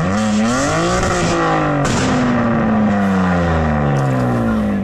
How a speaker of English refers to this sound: because he went to Halfords, because he got some money for Christmas from his gran, and the exhaust pipe is about the size of a rocket, all right? And they drive up and down these roads, making a hell of a racket. Have a listen to this.